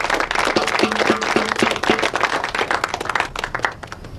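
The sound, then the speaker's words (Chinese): A crowd in a new-recruit company claps steadily for about four seconds to welcome visiting commanders, a dense, even patter of many hands at a fairly loud level, with no voices heard over it. “大家鼓掌欢迎。”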